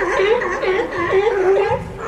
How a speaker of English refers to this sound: Mills told the Seattle Times he can hear the sea lions barking all day long, and he loves it.